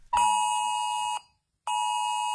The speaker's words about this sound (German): Okay, und natürlich nicht erschrecken, auch unsere Handys springen an um 11 Uhr. Das klingt dann so.